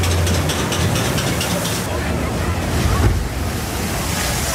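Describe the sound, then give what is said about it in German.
A loud, steady roar of rushing, splashing water as an amusement park flume boat plunges down one of two descents, with wind buffeting the microphone throughout and a brief surge near the end. “Oh, ganz schön nass geworden im Boot bei den beiden Abfahrten.”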